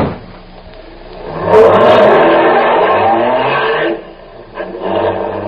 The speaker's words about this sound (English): I think we can get across after this car passes, ma'am. Yes, I believe you're right.